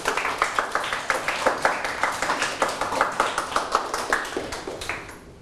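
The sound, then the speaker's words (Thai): A group of people clap for themselves after being praised in a Thai language lesson, a brisk, fairly steady rhythm of sharp claps, moderately loud, tapering off at the end, with no talking. “เก่งมากปรบมือให้ตนเอง”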